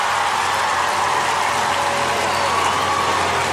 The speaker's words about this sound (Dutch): Hoor dat applaus. En dat is mooi. Hij pakt het niet helemaal op zichzelf, maar hij gaat met zijn band, zijn voltallige band, helemaal naar voren om te buigen voor het publiek.